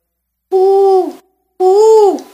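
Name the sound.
owl hooting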